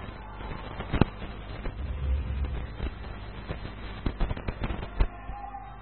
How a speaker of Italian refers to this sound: Poc'anzi ci sono stati, come al solito, i bombardamenti dei fuochi d'artificio e questa sera per tutta la notte ci sarà questo.